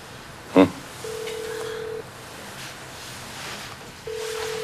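Telephone dialing tones as someone calls a mobile phone: a steady, fairly loud beep lasting about a second, then a pause of a few seconds before the same beep returns, over faint background noise with a brief thump early on.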